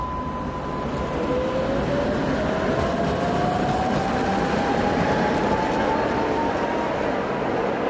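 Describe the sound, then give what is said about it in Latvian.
Riding aboard a tram for one stop: a steady rolling rumble fills the whole stretch while an electric motor whine slowly climbs in pitch as the car picks up speed. “Re, tramvajs viena pietura.”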